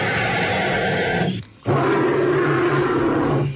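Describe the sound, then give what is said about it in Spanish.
A bird call that sounds like a dinosaur's roar, loud, harsh and rumbling, in two long sustained bursts split by a brief pause, with no talking. “¡Los dos son pájaros!”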